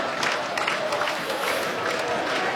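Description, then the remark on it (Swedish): The Halmstad crowd stands and cheers after Halmstad scores to lead 1-0 against Örgryte, a dense, sustained wash of voices with scattered clapping and shouts, steady and loud throughout with no single voice standing out. “Det är en ganska trist föreställning, men just nu står Halmstad-publiken upp och njuter som att solen skulle flöda från en klarblå himmel.”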